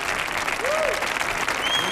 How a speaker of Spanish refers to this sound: Arrea. Fuerte el aplauso